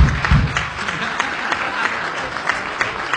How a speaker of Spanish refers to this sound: Mirá, llegó la madre, ¿viste? Un aplauso para la madre que me dio la vida